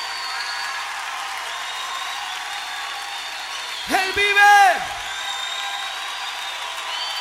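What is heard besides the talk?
audience applauding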